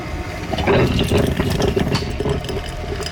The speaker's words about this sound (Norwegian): Noe som var kaffemaskinen